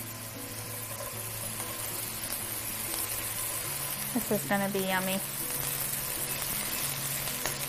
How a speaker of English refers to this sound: And then this pan is nice and hot. So I'm gonna add a little bit of olive oil. About a teaspoon, maybe a tablespoon. And then I'm gonna add the mushrooms. You got a nice sizzle.